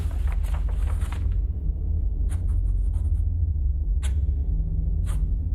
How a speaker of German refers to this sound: Ich habe Bleistift und Papier. Am besten, wir zeichnen uns das ab.